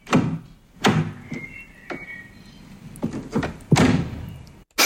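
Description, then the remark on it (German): A car door is opened and shut, giving a series of dull thunks and clunks with a latch click, then a final solid slam. No one speaks. “Richtig, eine Autotür.”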